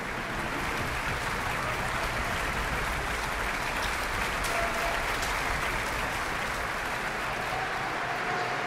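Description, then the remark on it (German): A concert audience in the St. Georgenkirche in Wismar applauds the NDR Elbphilharmonie Orchester and its soloists at the closing concert of the Festspiele Mecklenburg-Vorpommern, a dense, even wash of clapping hands sustained at a constant loudness throughout, with no voices rising above it. “Beifall für die einzelnen Orchestersolistinnen und Solisten, zum Beispiel für den Konzertmeister David Raczynski, der das herrliche Geigensolo im Langsamsatz gespielt hat, die Blechbläser, die Schlagzeuger.”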